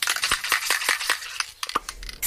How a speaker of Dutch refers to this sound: Ja, dat is natuurlijk een heel herkenbaar geluid. En ik denk dat bijna iedereen ook wel minstens één spuitbus in huis heeft.